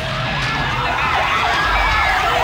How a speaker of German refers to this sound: In den 90ern hat der gleich mal eine Alarmsirene draufgekriegt.